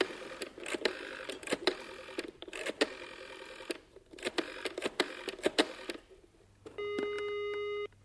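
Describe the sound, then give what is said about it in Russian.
A telephone number, looked up in a phone book, being dialed to call Graves: bursts of sharp mechanical clicks in quick groups, then a steady electronic tone on the line. Fairly loud, with no voices. “Вот что, позвони Грейвзу. Узнаем, правда ли Клингер там.”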